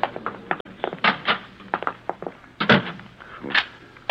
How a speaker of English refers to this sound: Well, you didn't have to lock the door